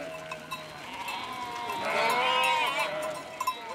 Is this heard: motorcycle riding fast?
no